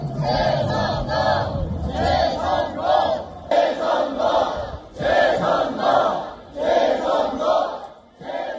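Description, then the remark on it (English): A crowd of protesters chants loudly in unison outside Seoul's SK Olympic Handball Stadium, where local election votes were being counted, in the early hours of Sunday, shouting rhythmic slogans in repeated bursts with brief pauses between phrases, the massed voices rising and falling together. “And the demonstrations continued into the early hours of Sunday outside Seoul's SK Olympic Handball Stadium, where votes from the local elections were being counted.”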